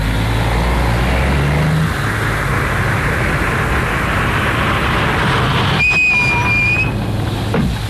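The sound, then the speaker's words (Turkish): A taxi drives along following the car ahead, with a loud, steady engine rumble and road noise throughout, and a brief high-pitched squeal cuts in near the end, with no voices. “Şu öndeki arabayı izleyin lütfen.”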